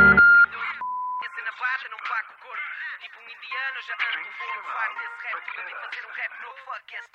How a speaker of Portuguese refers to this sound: Após o sinal, por favor, grave a sua mensagem.